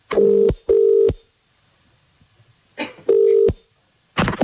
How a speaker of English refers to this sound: But if you have entered, stare at your phone now because we are calling one of you.